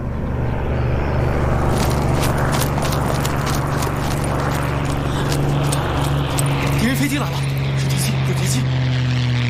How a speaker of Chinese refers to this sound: 敌人飞机来了， 是敌机，有敌机。